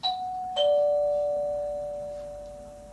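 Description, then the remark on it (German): A doorbell chimes twice in a ding-dong pattern, the second tone ringing out and slowly fading over a few seconds. The sound is clear, with no voices. “Klingeln.”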